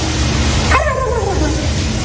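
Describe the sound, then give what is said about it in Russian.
A person who took third place in a turkey-calling contest in the USA imitates a turkey with a single short, yelping call that slides downward in pitch, standing out briefly over a steady background hum. “Это человек, который занял третье место на конкурсе воспроизведения звуков индейки.”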